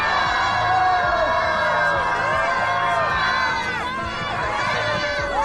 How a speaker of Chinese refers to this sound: 那最后各位拿出你们的欢呼声，再次欢送曲曼。